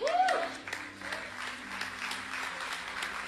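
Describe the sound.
An audience applauds steadily throughout, a dense wash of clapping with a brief rising vocal sound at the start and faint voices mixed in underneath.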